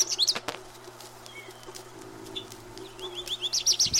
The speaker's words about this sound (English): It is spring. The birds have been in full song.